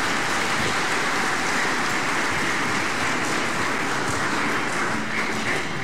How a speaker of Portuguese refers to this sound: Não precisava as palmas, né? Mas vocês estão felizes, então tá bom.